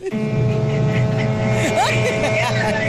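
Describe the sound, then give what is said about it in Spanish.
Loud street traffic: engines rumble continuously while the horns of city buses and a delivery car supplying a chicken shop blare in long, overlapping blasts, with some voices mixed into the din. “¡Tienen la pitadera y el escándalo!”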